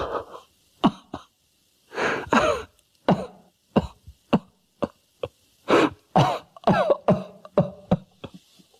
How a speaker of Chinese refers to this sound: 金盼说的激动，再次咳嗽不止